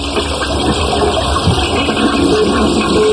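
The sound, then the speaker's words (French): A toilet flushes with a loud, steady rush of gushing water that fills the whole moment, unbroken, with no voices over it. “C'est vrai que c'est une chasse d'eau en forme de diarrhée, quand même.”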